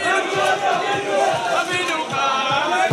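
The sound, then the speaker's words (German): A crowd cheers and shouts in welcome at Tel Aviv airport in the evening, a dense, sustained roar of many voices with excited whoops rising above it for about three seconds. “Jubel zur Begrüßung.”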